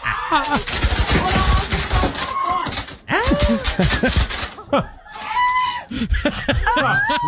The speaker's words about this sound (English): But this is the moment that the fireworks started going off there with the birthday cake.